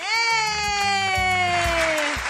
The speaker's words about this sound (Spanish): ¡Y es correcto! ¡Un aplauso para ti! ¡Un abrazo fuerte!